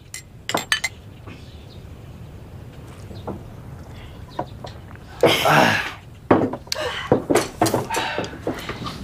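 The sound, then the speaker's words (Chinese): Glasses clink together in a toast to a collective second-class merit award, a series of sharp, bright taps, with a brief rush of clattering and table noise in the middle before more quick clinks. “我们再干一杯！ 来，干杯！”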